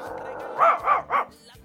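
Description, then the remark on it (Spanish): A small dog yaps three times in quick succession, sharp, with a steady low background hum underneath, during a bingo number call. “Está el perrito.”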